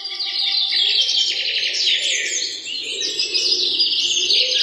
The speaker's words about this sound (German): Das Morgenlicht schien zwischen den Blättern der Bäume hindurch und man hörte das nahe Zwitschern einiger Vögel.